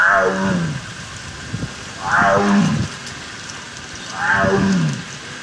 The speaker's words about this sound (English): a Sumatran tiger at the Akron Zoo.